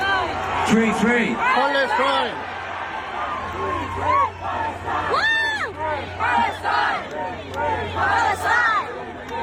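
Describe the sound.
A large concert audience in South Korea, many holding Palestine flags, chants together in loud, rhythmic unison, many voices rising and falling in repeated shouted phrases over a constant crowd roar.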